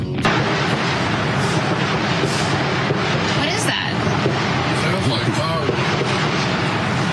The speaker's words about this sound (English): And several journalists, they were also reporting from the White House lawn when that gunfire erupted, with some of the shots captured as cameras were still rolling. I think we have some of that audio.